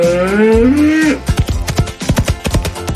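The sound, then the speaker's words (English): A bull mooing sound effect: one long, low moo that rises slightly in pitch before cutting off, followed by a quick run of sharp, uneven thumping beats. “Try your skills on Otis, the meanest mechanical bull in town, every first and third Saturday of the month in a bull riding competition.”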